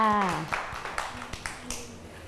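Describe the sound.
A brief voice gives way to scattered, uneven claps: about half a dozen sharp slaps at an irregular rhythm, like a small group of children applauding loosely and not quite together.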